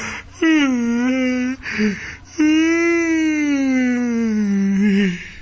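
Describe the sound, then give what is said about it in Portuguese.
Two long, drawn-out yawns from a woman, loud, each a sustained voiced groan that slowly sags in pitch, separated by a brief breathy pause. “Ela deu aquela bocejada”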